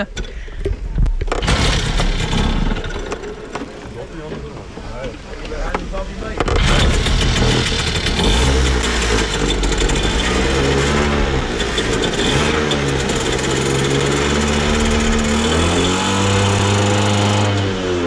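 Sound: moped engine running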